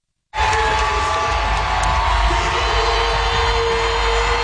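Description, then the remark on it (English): A large hometown crowd at State Farm Arena cheers wildly after the Atlanta Dream beat the Washington Mystics 92-77 on Sunday night in game one of the WNBA playoffs' first round, a dense roar of shouts, whoops and yells that starts abruptly and stays loud and sustained throughout. “The hometown crowd went wild after the Atlanta Dream beat the Washington Mystics Sunday night, 92-77, in game one of the first round of the WNBA playoffs at State Farm Arena.”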